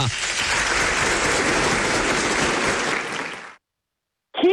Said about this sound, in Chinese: 好，中，掌声响起，咱鼓掌欢迎啊。